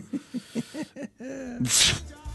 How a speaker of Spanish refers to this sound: ¿Ves? Me estoy sintiendo medio mal. Se nota que eres trucho en el estornudo.